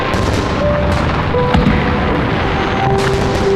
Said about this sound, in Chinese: 这烟花是从哪儿放的呀？